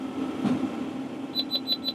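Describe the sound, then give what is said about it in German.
A baler's warning signal gives four quick, evenly spaced high-pitched beeps over the steady low drone of a running engine, signalling that the net-wrapped bale is out of the press, with no one speaking. “Jetzt piept er nochmal, jetzt weiß ich, dass er beim raus ist aus der Presse.”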